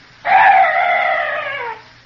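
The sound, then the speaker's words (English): A single eerie cry of a night bird in the dark, loud, holding a wavering, strained tone for about a second and a half before sliding downward and cutting off, with nothing else around it. “That bird was the only noise I've heard in this place.”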